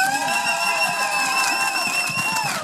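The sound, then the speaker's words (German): A festival audience at the Festival der Vielfalt applauds and cheers continuously for the first performance after the official opening, by the Jugendgremium Göpping youth council with its Aktion für Future. It is a dense wash of clapping with a steady, high whistling tone held over it from start to finish. “Einen fulminanten Applaus für den ersten Auftritt quasi nach der offiziellen Eröffnung für das Jugendgremium Göpping mit der Aktion für Future.”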